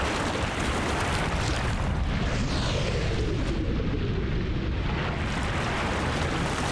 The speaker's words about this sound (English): violent winter storms batter these kelp forests.